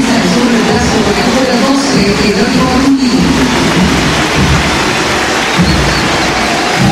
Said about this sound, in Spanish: Se va el Dibu Martínez de pie señores, aplaude el estadio, se va el Dibu Martínez, escuchen, escuchen, escuchen esto.